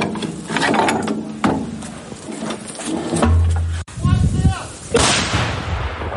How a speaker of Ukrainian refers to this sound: Потім з неї випускали снаряди на Курщині, а згодом 152-й калібр вилітав з гармати під час звільнення Олександрівського напрямку. Тепер же бійці зі своєю М100Б повернулися пекло робити окупанту на Донеччину.